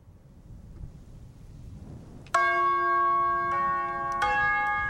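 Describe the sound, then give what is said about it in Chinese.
After a few seconds of low wind-like rumble, loud resonant bell chimes ring out, striking three successive notes of a tune that hang and overlap as they sustain. “有没有人很厉害，听到这个钟声就知道什么歌？”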